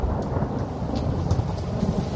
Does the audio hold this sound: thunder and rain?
yes